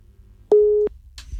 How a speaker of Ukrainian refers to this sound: Так, зірвався дзвінок.